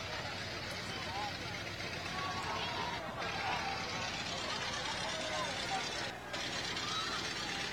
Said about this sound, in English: All right. We have some old-time cars coming through.